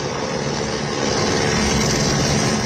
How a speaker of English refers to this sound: Rescuers arriving by helicopter at a hydroelectric plant.